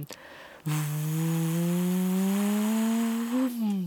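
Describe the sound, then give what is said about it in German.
An airplane taking off at Salzburg airport, heard from the Untersberg: a loud, steady turbine drone with a buzzing tone whose pitch climbs gradually over about three seconds, set over a broad rushing noise. No one speaks. “Das war ein startendes Flugzeug auf dem Flughafen von Salzburg.”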